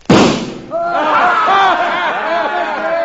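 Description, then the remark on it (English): A single loud, sharp pistol shot, fired at a little gold eagle on a flagpole across the street, cracks out and quickly decays, followed by a crowd of voices talking and calling out over one another. “Get them hog legs out and let's get to shooting.”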